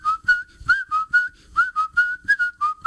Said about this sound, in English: I really get going when I'm on the … Autoplex lot. When I see so many good-looking cars, I just whistle.